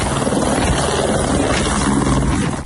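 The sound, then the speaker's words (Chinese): A helicopter roars steadily, its rotor chop pulsing in a dense, continuous drone that stays loud throughout, with no voices, as it transfers a rescued worker to a hospital after landslides in Nepal. “获救的中国公民名叫陆海涛，获救后通过直升机转运至后方医院接受治疗。”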